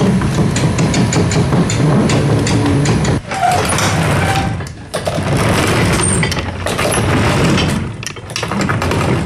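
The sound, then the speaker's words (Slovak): A loud, steady mechanical rumble and whir of a rotating observatory dome motor in the village of Kolonica in the Zemplín region, with rattling metallic clatter and brief dips in the drone around three and five seconds. “Takýto zvuk vydáva otáčajúca sa kupola.”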